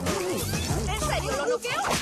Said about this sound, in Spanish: Donnie golpea el gancho de Casey y se dispara golpeando a todos. El gancho finalmente se agarra del techo, haciendo que Casey se levante con la silla.